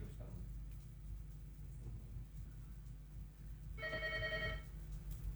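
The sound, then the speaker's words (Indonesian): A single short burst of telephone ringing for an incoming call, bright and warbling, cuts in for under a second over a steady low background rumble, then stops. “Kita awali dengan menerima telepon.”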